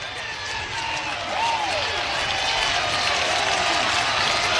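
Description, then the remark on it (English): A near-capacity stadium crowd at a Hawkeyes baseball game roars and cheers with the bases loaded and two outs, in a steady, dense wash of noise, with scattered applause and whistling shouts rising over it, growing a bit louder partway through. “The near capacity crowd getting into it.”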